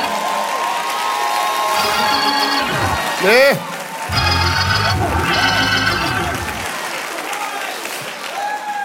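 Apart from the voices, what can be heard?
audience shouting and cheering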